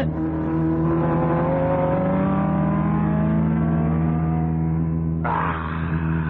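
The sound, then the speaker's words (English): A race car engine roars loudly and steadily, its pitch sweeping upward as it accelerates, then a sharp burst of higher-pitched whine cuts in near the end as another engine overtakes. “He's going to pass you. Impossible. Not only possible, but there he goes.”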